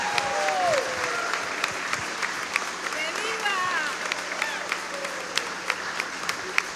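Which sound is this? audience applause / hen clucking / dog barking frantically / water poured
audience applause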